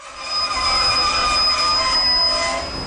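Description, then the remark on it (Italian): A train brakes to a stop at a small station in Maienfeld, Switzerland, with sustained high-pitched squealing of wheels on rails, a loud, steady metallic screech over low rumbling, without any voices. “Quando il treno si ferma alla piccola stazione, il capotreno grida «Maienfeld!».”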